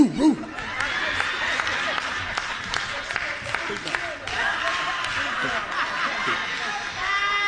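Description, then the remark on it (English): A man's voice mimics a big dog barking with a few deep, rhythmic "woo" sounds, over a steady wash of crowd noise with scattered laughter and clapping. “Don't that sound like a big dog?”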